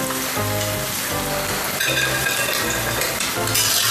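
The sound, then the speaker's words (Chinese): A dense, steady rustling crackle of food frying in oil, fairly loud throughout, with some faint tonal sounds underneath and no voices. The rustling shows the first round of frying is done, before the food is fried a second time. “哎，你看它听着沙沙的响声，就证明第一遍已经完成了。”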